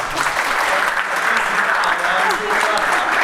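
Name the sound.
audience applause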